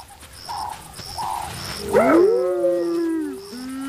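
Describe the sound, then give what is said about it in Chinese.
Spotted hyena calls: a loud, wavering whoop rises and falls over harmonic overtones, then trails into a lower drawn-out tone, while a soft, regular chirping repeats throughout. “斑鬣狗的叫声是不能把沼泽地雌狮赶走的。”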